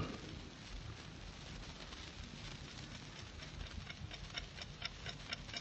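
ticking clock

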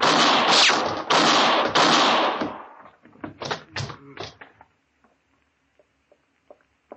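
gunshot

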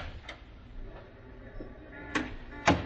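door being opened

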